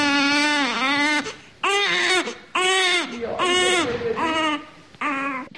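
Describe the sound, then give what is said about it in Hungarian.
Newborn babies in a room of the newborn unit at the Szeged Obstetrics and Gynecology Clinic wail in a series of loud cries, each rising and falling wail broken by short gasping pauses, with no talking over them. “Egy csecsemő osztályán vagyunk éppen, kórteremben az újszülötteknél.”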